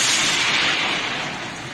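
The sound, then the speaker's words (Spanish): A loud thunder clap, a broad crackling roar that fills the whole clip and slowly fades over almost two seconds, with no voices. “Mándame otra vez la señal, Dios mío, que el trueno no me dejó escucharte.”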